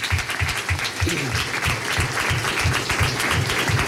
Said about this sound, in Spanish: Precisamente un aplauso para toda la gente que viene 20 años acompañando este viaje, un viaje maravilloso. Un aplauso para todos ustedes, por favor.